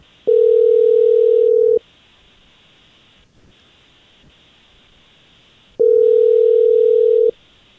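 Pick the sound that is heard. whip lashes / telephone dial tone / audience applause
telephone dial tone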